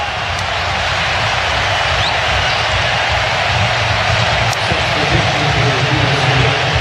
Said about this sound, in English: Here, nice applause from the crowd there for Malik Tillman. Great recognition of just an all-around performance.